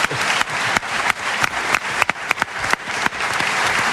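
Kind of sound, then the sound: crowd, studio audience applause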